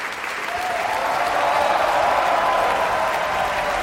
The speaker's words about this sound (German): Das ist der Applaus für John Holiday in der Rolle des Ruggero. Große Begeisterung im Publikum.